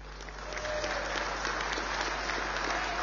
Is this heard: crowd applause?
yes